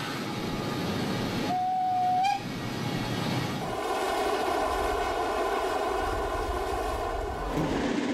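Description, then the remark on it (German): A steam train rumbles steadily along a flat line across the Black Forest highland plateau through a raised bog in Germany. A short whistle-like tone rises briefly, then continuous loud mechanical clatter and hum carry on, no voices. “Das Dampflokpersonal hat nicht allzu viel zu tun, denn die Strecke ist flach, verläuft auf der Ebene des Hochschwarzwaldes durch ein Hochmoor.”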